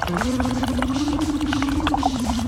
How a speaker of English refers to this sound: You've got some water in a cup. Pelvic floor is very good. So what you do is every hour we have to, I want you to sort of blow into the straw, but vocalize and make some bubbles. But also vocalize, so you do happy birthday.